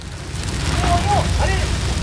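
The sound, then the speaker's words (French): A wildfire roars and crackles steadily around a winegrower's vineyard estate, a dense wash of noise with a deep rumble underneath, while a faint voice-like call rises briefly in the background. “Les flammes crépitaient autour d'elle.”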